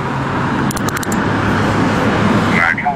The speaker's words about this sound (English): you've heard that sound many a times. You know you're like, when you hear the cuffs getting around your wrists, like what goes through your head?